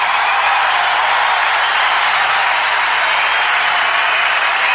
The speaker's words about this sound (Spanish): Fuerte el aplauso para Carlos Cutaria.